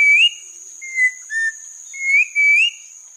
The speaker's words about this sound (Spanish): El trino del turpial montañero forma parte del Banco de Sonidos de Aves Colombianas, recopilado por el Instituto von Humboldt y la Universidad de Cornell.